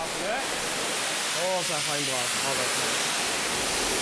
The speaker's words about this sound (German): So, Tai, jetzt kommt hier die große Wasserdusche. Das haben die beiden schon tausendmal zusammen gemacht. Heute ist es die letzte Dusche.